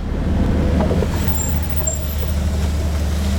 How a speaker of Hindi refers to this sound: हाँ वो मुझे साइड नहीं दे रहा, सेंटर बीच में चल रहा है। मेरा गाड़ी भी 10 की स्पीड से चल रही है।